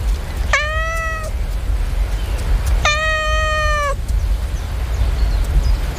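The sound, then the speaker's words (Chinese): A cat meows twice, each call long and drawn out with a clear, tonal quality, separated by a short pause over a steady low background noise. “哦，是兄弟，这只母猫的兄弟回来了。”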